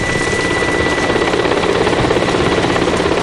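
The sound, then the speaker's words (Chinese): A helicopter arrives, its roaring engine whine and thick rotor wash filling the air at a steady, heavy loudness for the whole moment, with no voices. “直升飞机到了。”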